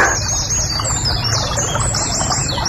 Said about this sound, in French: Ah, la rivière sous le pont, ça peut le faire, ça. Ah, ça se bête pas, ça peut être joli comme bruitage. La rivière sous le pont.